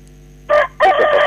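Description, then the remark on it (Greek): A rooster crows loudly, a short opening note followed after a brief pause by a longer, sustained harmonic crow that runs to the end. “Άκουτε, για δύο φίλους ότι εγώ δεν κουρδίζω κοκόρια, μόνος εδώ, τρομερός.”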